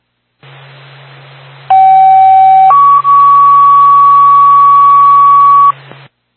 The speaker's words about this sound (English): Twin State to Twin Mountain Fire Department. Stand by for tone.